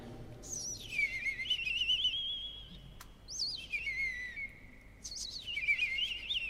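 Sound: european robin singing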